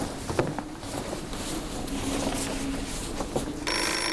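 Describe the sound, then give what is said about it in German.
A telephone rings with a steady, insistent electronic trill, loud, over a dense background of noise. Nobody speaks. “Ich gehe schon ran. Vielleicht gibt's Neuigkeiten von Frauke.”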